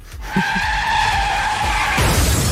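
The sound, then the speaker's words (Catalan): A loud, sustained screech of car tires skidding for about two seconds, ending in a heavier, rough burst of noise like a collision. No one speaks. “Si m'atropella un cotxe, doncs mira, serà culpa de la Renfe.”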